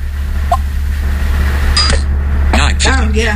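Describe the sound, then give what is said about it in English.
A car's fingerprint sensor plays its successful-unlock chime after a correct fingerprint: a brief, quick bright tone with a soft click like a camera shutter, rising over a steady low hum, followed by a voice speaking. “Here's the fingerprint sensor when it's correct.”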